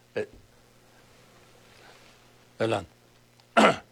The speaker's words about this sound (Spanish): No, fue un estornudo, aquí tengo mi Kleenex.